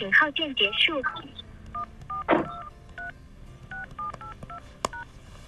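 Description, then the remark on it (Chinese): A quick run of phone keypad tones as a customer's mother's phone number is entered into an automated order-lookup phone line: a dozen or so short, steady electronic beeps at shifting pitches, each dialed in an uneven rhythm, following a brief burst of voice at the start. “来，我输入一下这个线上的这个叶先生母亲的电话啊。”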